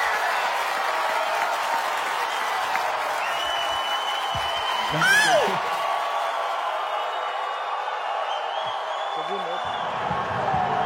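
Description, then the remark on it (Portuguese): A large auditorium audience roars loudly and continuously, a dense wash of cheering and shouting that holds steady throughout, with whistles cutting through and mixed jeers and booing in the noise. “Auditório em polvorosa. Mas tá dividido, hein? Tem gente vaiando.”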